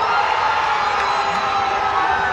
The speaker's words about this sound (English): I can tell you that I'm sure Ronaldo heard the cheers from Toronto Stadium because this is how loud it was.